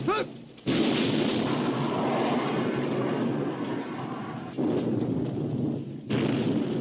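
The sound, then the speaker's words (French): Loud naval artillery gunfire and shell explosions as British warships keep firing on the German battleship Bismarck after its guns fall silent: a dense, continuous roar punctuated by three heavy blasts, overwhelming, with no voices. “Finalement, à 9h31, les tirs cessent côté allemand, mais les Britanniques continuent leurs tirs.”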